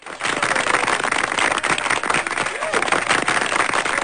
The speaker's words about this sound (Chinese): 好的，掌声送给新同学啊